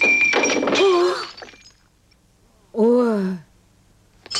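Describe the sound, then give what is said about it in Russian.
A ceramic plate, the sister's favourite plate, smashes with a loud, bright crash of breaking pieces, overlapped by a startled vocal cry, then a second short exclamation follows after a brief pause. “Ой, это любимая тарелка моей сестры.”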